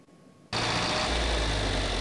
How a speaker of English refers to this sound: The rumble of these John Deere tractors is more than the sound of an engine. For the Filsinger family, it's the sound of a lifetime of memories.